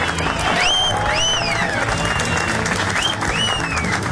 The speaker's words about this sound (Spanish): Un aplauso a la selección, oigan.